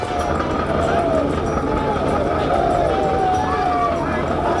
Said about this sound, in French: Les cris que vous entendez sont ceux des troupes qui se préparent à s'élancer à l'assaut.